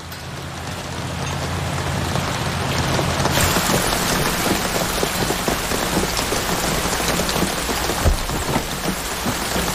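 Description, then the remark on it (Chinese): Heavy rain pours down steadily, a dense wash of drops hitting surfaces, growing fuller after a few seconds, with a faint low rumble underneath and no voices. The rain keeps getting heavier, much heavier than the weather forecast said. “这雨是越来越大了，要不要推迟出发呀？”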